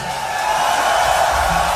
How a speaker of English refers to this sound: ask you all to give an incredible roar of applause in memory of the great …